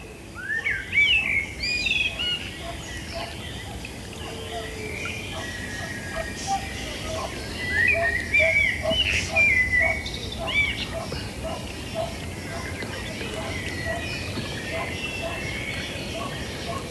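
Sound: blackbird singing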